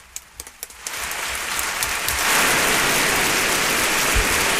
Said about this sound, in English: And all of you, clap for yourself.